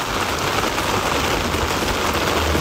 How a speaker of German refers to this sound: Regen im Sommer und trotzdem sind alle gut drauf. Endlich Abkühlung, endlich Wasser und ich glaube, gestern haben wir wirklich gemerkt, man hört Regen einfach wirklich gerne.